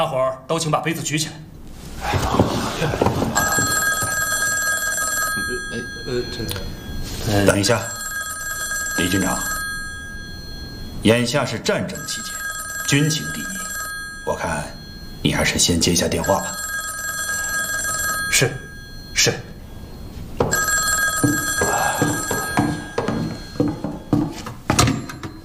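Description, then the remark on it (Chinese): An old-fashioned telephone bell rings loudly in long, repeated bursts separated by brief pauses, with people talking underneath, during a wartime welcome banquet for the 35th Army in Baoding. “眼下是战争期间，军情第一，我看你还是先接一下电话吧。”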